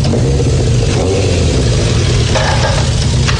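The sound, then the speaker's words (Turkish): A motorcycle engine, a motorcycle obtained from the police, rumbles loudly and steadily for a few seconds, with a deep, throbbing low end and slight surges in pitch as it revs. No one speaks over it. “Bu motoru nereden buldun”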